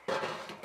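A single sharp metallic clank of a trash can being knocked rings briefly and fades within a moment. No one speaks.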